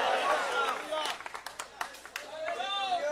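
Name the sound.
audience applauding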